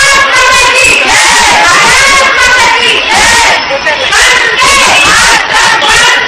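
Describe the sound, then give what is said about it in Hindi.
A large crowd in Bareilly, India, chants the patriotic slogans 'Bharat Mata ki Jai' and 'Vande Mataram' in unison on Independence Day, many voices shouting together in loud, rhythmic surges that rise and fall roughly every second, with no pause in the noise. “स्वतंत्रता दिवस के मौके पर भारत माता की जय और वंदे मातरम के नारों से बरेली का आसमान गूंज उठा।”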